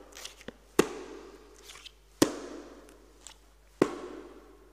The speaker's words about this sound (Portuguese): Chegados à porta daquela tal capela, bateram à porta.